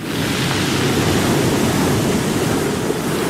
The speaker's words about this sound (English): Ah yes, the unmistakable sound of large waves, which is what surfers will be hoping for in Raglan this weekend.